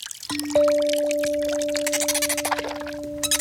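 Calls of Séraphin the dolphin ring out as steady, held tones over a bed of splashing, bubbling water, with quick clicks scattered through the wash and no voices.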